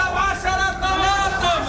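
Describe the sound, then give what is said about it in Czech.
Loud, overlapping voices of vegetable stall vendors hollering at passers-by in a busy outdoor market, selling apricots and onions, with raised, sing-song shouting over a steady crowd murmur, continuous. “Stánkaři se zeleninou halekají na kolem jdoucí, jakoby nebylo vidět, že prodávají meruňky nebo cibuli.”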